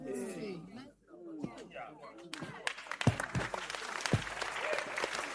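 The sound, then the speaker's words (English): A crowd breaks into steady, dense clapping for Jesus that builds after a voice trails off, with a few louder claps standing out and the applause continuing evenly to the end. “Well, those who are not lasting, they are clapping for Jesus.”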